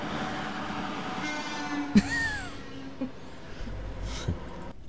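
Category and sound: vehicle, freight train passing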